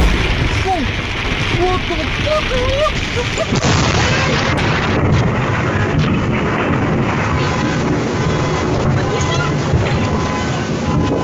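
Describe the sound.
Heavy afternoon thunderstorms ending a week of sunny days: loud, deep thunder rumbles and rolls continuously over a dense, roaring wash of noise, with faint voices briefly audible in the first few seconds.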